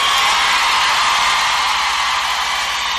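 An audience applauds loudly and steadily, a dense wash of clapping with scattered cheers mixed in, holding at the same level for about three seconds with no one speaking.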